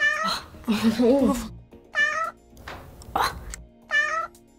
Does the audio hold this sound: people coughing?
no